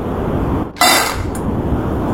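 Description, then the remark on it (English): Dry dog food rattles into a bowl in one quick, loud burst lasting about half a second, followed by a faint clink, all over a steady background hiss. “It sounds like dog food.”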